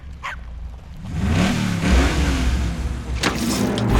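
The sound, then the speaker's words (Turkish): A Camaro car engine revs up loudly and pulls away, its rising harmonic drone sweeping upward, while a dog barks a few times in short bursts near the start and again toward the end. “Arabam kendini çaldı.”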